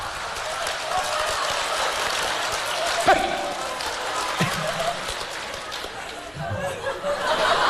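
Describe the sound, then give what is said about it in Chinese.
Steady, dense applause from an audience urging performers to show a little trick or a sketch, a continuous crackle of many hands clapping at once that holds its level for several seconds, with faint chatter and laughter mixed in. “哎，掌声热烈，给个来个大伙来个小绝活啥的。”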